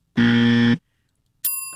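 A harsh, loud buzzer sound effect lasts about half a second, then after a short silence a bright correct-answer bell dings once and rings out with a shimmering decay.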